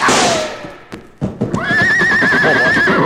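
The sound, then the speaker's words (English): A horse whinnies loudly with a long, wavering neigh, preceded by a few sharp hoof thuds and clatters, with no voices. “Well, this horse is safe now”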